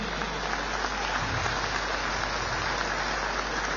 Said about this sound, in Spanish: muy agradecido de verdad con todos ustedes, para lo cual pido un fuerte aplauso para las 6 federaciones, hermano, que siempre está a la vanguardia de nuestro país.